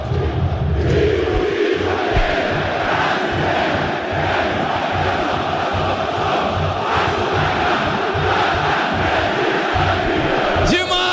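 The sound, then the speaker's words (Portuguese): A huge crowd of Vasco football fans at São Januário stadium roars and cheers continuously as Vasco wins a corner against Coritiba, a dense, loud wall of voices that holds steady throughout with rhythmic swells of chanting. “Festa do torcedor vascaíno em São Januário.”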